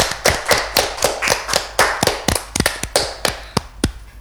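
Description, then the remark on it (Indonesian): Hands clap in a quick, steady burst of sharp, bright claps, about a dozen or more in rapid succession, fairly loud with no talking over them. “Tepuk tangannya dulu dong.”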